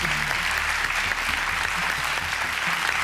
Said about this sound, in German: Kannst gleich weitermachen. Der Applaus.